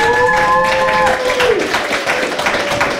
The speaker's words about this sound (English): Everybody clap